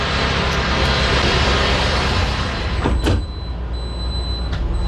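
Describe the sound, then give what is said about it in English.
A futuristic vehicle's big sliding glass door rolls along its track and thuds shut on a manufacturing plant floor, set against steady loud machinery hum that grows slightly quieter once the door closes. “You can listen how good these doors work.”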